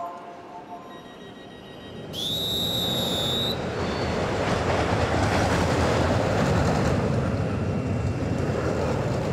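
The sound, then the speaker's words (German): A roller coaster on its daily test run roars along its track in a steady, loud rumbling rush, with a brief high metallic squeal of wheels early on; no voices. “Das ist die Achterbahn, die macht Probefahrt.”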